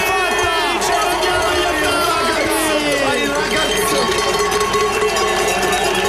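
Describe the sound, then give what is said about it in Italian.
A loud, sustained roar from a huge stadium crowd cheering and chanting at the final whistle of a football match in which Switzerland beat Algeria 2-0, with horns and whistles cutting through the dense, continuous noise without a break. “Sentite che delirio.”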